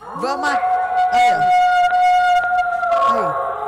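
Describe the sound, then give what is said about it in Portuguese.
A wolf howl sound effect, put in at the press of a button, holds one long, steady, high-pitched wail for several seconds while a broadcaster keeps talking over it on a radio programme, his voice rising and falling around the tone. “Eu entendi que o … tava falando normal e o cidadão apertou um botão e botou um lobo desse jeito no meio da fala.”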